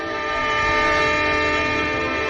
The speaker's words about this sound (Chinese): 在山野中穿行的火车的灯光在夜色中显得越发刺眼。